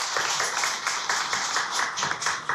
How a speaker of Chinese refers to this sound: 现在呢，让我们用最热烈的掌声有请这株从空谷中走来的幽兰